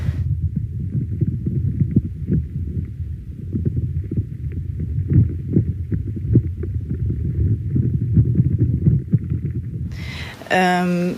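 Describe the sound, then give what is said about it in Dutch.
Irregular soft crackles and clicks pop over a steady low rumble, creaking that may be a tree absorbing water or may be insects, continuing throughout before a brief voice cuts in at the end. “En nu hoor ik dus... krakende geluiden. Wat zowel nog de boom kan zijn die water eigenlijk aan het opslorpen is...”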